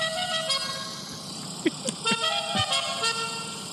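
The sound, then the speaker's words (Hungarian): A melodic car horn plays a short tune of bright, buzzy notes stepping up and down in pitch, sounding steady, with a few sharp clicks between the notes. “Ez az a jó, hogyha percekig tartod a dallam.”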